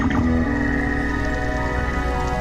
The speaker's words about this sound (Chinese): 小须鲸似乎会用这种外星生物般的声音警告对手保持距离。雄性小须鲸听到这种声音后，通常会远离发出声音的同类。每年6月和7月，这些神秘的访客集中在大堡礁现身。